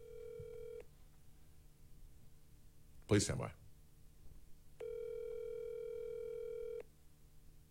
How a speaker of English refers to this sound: We were having troubles getting you on the landline for some reason, so I just called you on my phone.